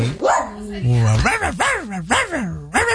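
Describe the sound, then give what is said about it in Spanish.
Puppies watching the TV show Buenos Días América yip and whine in a quick run of high, bending cries, each rising and falling in pitch, fairly loud and tumbling one after another for a few seconds. “Ahora con sus cachorritos viendo Buenos Días América.”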